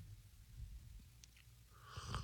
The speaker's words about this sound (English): Now, that one was just to show you what a slurp of consternation would sound like. Sounded a lot like all the other slurps I've been hearing for the last year and a half, if I can tell you the truth.